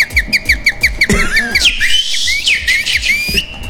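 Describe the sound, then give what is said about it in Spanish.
Someone whistles a tune loudly as a dare, starting with quick repeated short notes, then sliding into longer gliding pitches, over a steady thumping beat in the background. “Bien silbado,”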